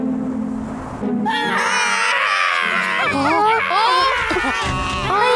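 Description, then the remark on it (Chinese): A baby giant snowman wails loudly after its side scores no points in a game, a sustained, wavering cry with sobbing breaks that starts about a second in and continues to the end over a low background rumble. “别哭啊，再来一局好吗？”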